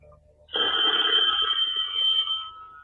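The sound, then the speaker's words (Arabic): A telephone bell rings loudly and continuously for about two seconds after a brief quiet moment, a bright metallic trill with no one speaking over it. “التليفون”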